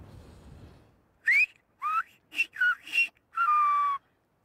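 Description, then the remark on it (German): A whistled Silbo word for platypus, whistled outdoors by a student: five loud, gliding whistled notes in quick succession, the last one long and falling, after a second of faint low background noise. “Jetzt pfeif du mal eins für mich.”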